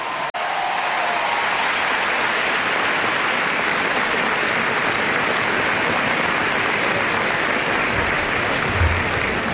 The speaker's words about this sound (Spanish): ha sido un 3 de 8 levantado por el grupo La Colla Castellera de Vilafranca de Penedès. Un aplauso para ellos.